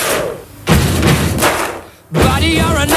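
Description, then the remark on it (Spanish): Heavy stomps on wooden boards on the floor of a church and sharp hand claps beat out a loud, repeating rhythm, the stomps serving as the bass drum, with booming thuds landing about every three quarters of a second and a sustained tonal layer entering toward the end. “grabar el ritmo, es golpeando el suelo unas tablas en una iglesia que había por ahí, golpeando con el suelo, con eso hacen el bombo y tocando las palmas.”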